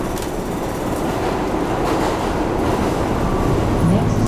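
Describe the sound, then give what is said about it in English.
Steady, loud rumble of a New York City One Train subway in motion, riding a few stations from West 72nd Street and Broadway into the Upper West Side of Manhattan, with dense low-frequency roar and a faint rhythmic clatter running continuously throughout, heard from inside the car. “Ich nehme die Subway an ein paar Stationen mit dem One Train in die Upper West Side.”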